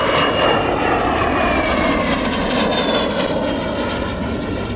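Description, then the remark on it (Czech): A steady, loud small aircraft engine drones at the airfield in Kunovice, Czech Republic, during a meet of Czechoslovak-built aircraft. Its broad roar carries thin whining tones that slowly glide downward, with no one speaking. “Na letiště v Kunovicích bylo v sobotu na jednom místě k vidění nejvíce letadel československé výroby v historii.”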